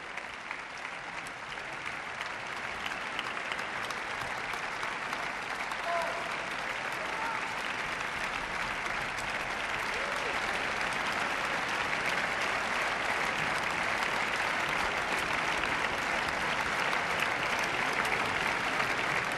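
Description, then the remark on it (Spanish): Sustained applause from a large concert audience for the members of an orchestra, a dense, steady roar of clapping that grows slightly louder and continues without a break throughout. “Más y más aplausos para todos los miembros de la orquesta.”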